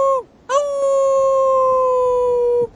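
arctic wolf howling

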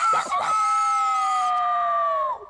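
rooster crowing

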